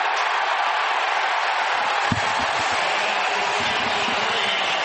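A large football stadium crowd cheers in a loud, steady roar after a running play is stopped on 3rd and almost 2 from the 33, holding for the full five seconds, a dense wash of voices with no distinct speech.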